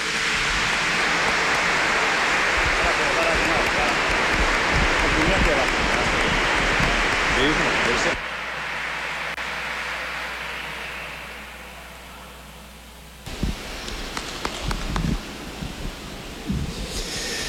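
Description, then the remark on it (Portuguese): A church audience on Mother's Day bursts into loud, dense applause for a man taking on a new service, holding steady for several seconds, then fading into a quieter wash of scattered clapping before a voice begins speaking. “Uma salva de palmas para ele, né?”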